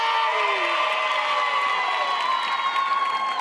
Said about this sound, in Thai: ขอเสียงปรบมือ